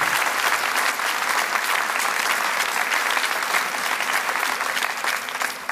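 Sustained audience applause, a dense, steady wash of many hands clapping at an even, fairly loud level throughout, with no voices standing out.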